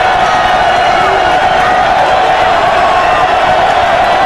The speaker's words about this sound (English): Nebraska fans coming to their feet, getting behind their offense. It's loud here